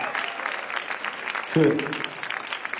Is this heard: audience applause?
yes